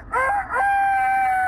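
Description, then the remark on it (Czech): A person imitates a rooster crowing: one loud cock-a-doodle-doo that wavers briefly before stretching into a long, steady held note, with nothing else around it. “Věrnej kohout.”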